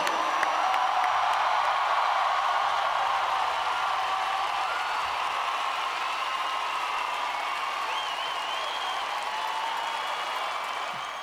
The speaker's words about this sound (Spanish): Por favor, un fuerte aplauso